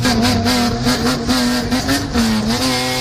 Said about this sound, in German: Na, wieder erkannt, das war Jingle Bells aus der Auspuffanlage.